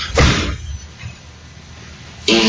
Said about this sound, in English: That's impressive, bro. It's a big fart. That is impressive.